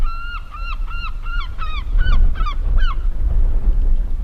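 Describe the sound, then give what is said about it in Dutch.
A run of about eight loud, nasal gull calls in quick succession, each with a slight downward slur, as gulls come to bread thrown to them, over a low rumble of wind or outdoor noise that swells midway. “dan hoor je ze al, meeuwen.”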